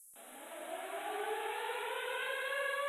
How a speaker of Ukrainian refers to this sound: Увага! Говорить Департамент цивільного захисту та оборонної роботи обласної військової адміністрації. Повітряна тривога. Повторюю, повітряна тривога. Всім мешканцям пройти до укриттів.